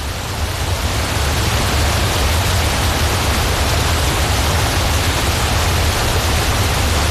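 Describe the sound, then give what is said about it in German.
A loud, steady roar of rushing water from a waterfall, continuing unbroken with a deep rumbling low end and hissing spray on top, with no voices. “Und wir sind natürlich dann sofort auf die Suche nach einem Wasserfall gegangen.”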